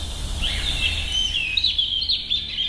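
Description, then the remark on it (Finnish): A European robin sings a continuous, high-pitched warbling song of sweeping, tumbling notes, clear, over a soft low outdoor rumble with no voices. “Näin kertoi lempilinnustaan punarinnasta Esa-Pekka Avela Porissa.”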